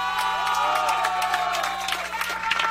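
A crowd, including local authorities, applauds and cheers steadily for a man receiving the 2026 distinguished Guanaleño honour, with dense clapping, scattered whoops and shouts, and a murmur of voices mixed in throughout.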